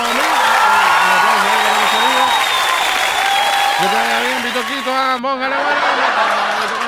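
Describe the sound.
A crowd applauds loudly and steadily for several seconds, the dense clapping mixed with scattered whoops, cheers and voices calling out over it.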